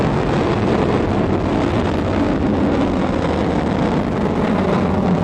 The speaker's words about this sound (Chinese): 1984年1月29日，新的长征三号火箭托举着东方红二号卫星开始发射。